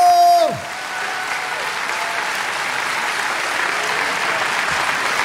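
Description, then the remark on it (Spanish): A large gathering claps in sustained, dense applause for Jesus Christ as the King of Kings, holding steady at a fairly loud level for several seconds, following a brief voice trailing off at the very start. “Sí, ese aplauso es para el Rey de Reyes.”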